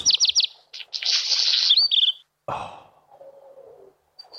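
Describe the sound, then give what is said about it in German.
A black redstart sings: a quick run of high, clear notes gives way to a dry, scratchy crackle, then a brief lower rattling phrase, with no voices present. “Das ist ein Hausrotschwanz, den ihr da gerade hört.”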